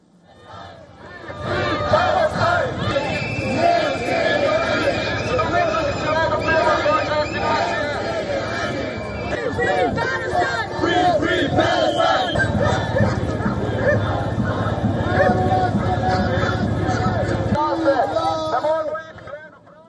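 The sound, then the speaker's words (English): A large crowd of protesters marches through the streets in Slovenia, waving Palestinian flags and shouting Free Palestine slogans in loud, rhythmic unison against the opening of an embassy, many voices chanting together in a steady, sustained roar that keeps going with only brief dips. “Protesters marched through the streets waving Palestinian flags and shouting Free Palestine slogans.”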